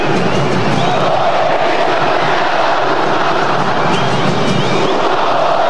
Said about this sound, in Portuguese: Uma vaia do tamanho de Belém do Pará, do estado do Pará.